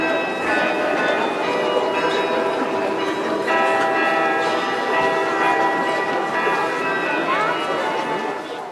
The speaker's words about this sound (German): Im Wiener Walzertakt zu den Klängen aus dem Roten Turm, die Stadtkarillonneur David Drambian dort auf dem größten Glockenspiel Europas spielte.